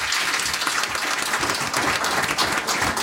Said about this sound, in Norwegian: Og nå har du gründet ditt eget KI-firma. Ja, jeg bygde det fra gutterommet. Ja. Trenger en liten applaus bare det, synes jeg.